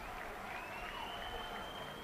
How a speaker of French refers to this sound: Auguri, vous entendez les fidèles qui souhaitent en avance un bon anniversaire au pape Léon XIV.